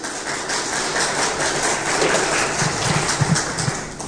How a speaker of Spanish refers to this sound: ¿Cuántos dicen gloria a Dios? Denle ese fuerte aplauso al Señor.